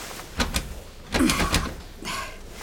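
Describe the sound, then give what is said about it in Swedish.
Someone tries the handle of the locked door to the boss's office, making three short bursts of metallic rattling and clunking, with brief pauses between the tries and no one speaking. “Och dörren är låst.”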